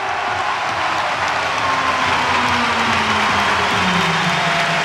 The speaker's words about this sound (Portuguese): Alvalade de pé, mãos ao alto, aplausos, fazem-se vénias, e Morita a ser aplaudido em Alvalade. Fazem-se muitas vénias para Morita, muitas vénias destes adeptos leoninos.